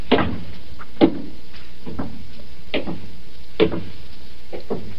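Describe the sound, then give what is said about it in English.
A door being opened, heard as a series of sharp clicks and wooden knocks spaced about a second apart, moderately loud, with no one speaking. “It's a door.”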